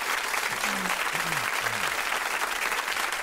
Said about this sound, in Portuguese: Merece palmas, né,